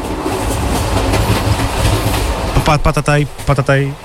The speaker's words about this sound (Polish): Tak, prawie jak z rejsu, prawda? Ale to nie o rejs chodzi, ale podróż pociągiem. Nad morze, w góry, na morze po prostu podróż do wspomnień. Dzisiaj w brzmieniach lata wsłuchujemy się w dźwięki kolejowej podróży. Jest rytmiczny stuk od kół